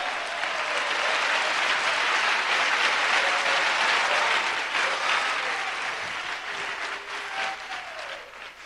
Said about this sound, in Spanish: Y lo adoramos en esta noche. Fuerte esas palmas para Dios.